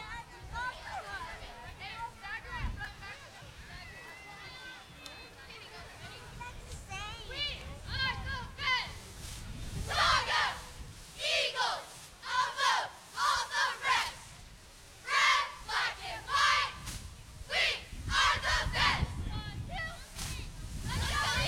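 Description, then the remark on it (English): A group of young female voices, the Watonga Eagle cheerleaders in a parade, chants a cheer in loud, rhythmic bursts, with shouted syllables punching out in steady succession against outdoor crowd noise. “You going to turn this way into a cheer?”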